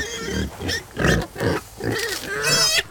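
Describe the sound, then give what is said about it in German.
Several pigs grunt and snort in a rapid, overlapping series, with a couple of higher squeals mixed in, loud and busy like a crowded pen. “Produktion von Schweinefleisch weltweit, da haben wir ungefähr 1 Milliarde Schweine werden da pro Jahr gemästet und gezüchtet.”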